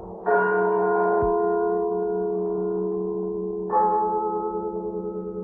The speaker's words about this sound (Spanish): La noche de difuntos me despertó a no sé qué hora, el doble de las campanas.